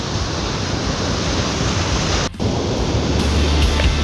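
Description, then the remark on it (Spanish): A steady, loud roar of rushing floodwater in the Catapilco sector fills the whole recording, broad and unbroken like a river in flood, with a brief dip near the middle and no voices. “Oye, si por todos lados tenemos una cantidad importante de agua. De agua, claro.”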